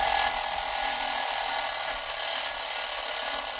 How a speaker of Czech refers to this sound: Tenhle zvuk s kamarády moc dobře známe. Tak pozor, 3, 2, 1, budík, jo?